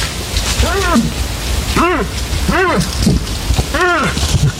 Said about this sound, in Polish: To odgłosy łosi. Trwa bukowisko. Samce próbują przyciągnąć partnerki. Łosie buczą, albo raczej ja bym to nazwał takim stękaniem, bo o ile jelenie faktycznie ryczą, łosie podczas bukowiska to tak jakby trochę stękają.